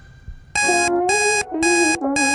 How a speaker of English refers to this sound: the song that was playing on my smart speaker at the same time as my alarm going off this morning